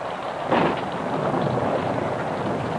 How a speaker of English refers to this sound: He stepped out into the pelting rain.